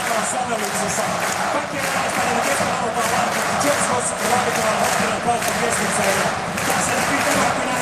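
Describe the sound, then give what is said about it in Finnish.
A loud, dense ice hockey arena crowd during a seventh final game roars steadily throughout, with rhythmic pulses like chanting and clapping running through the din, enveloping, with no commentary over it. “Kuunnellaanpa taas yleisöä.”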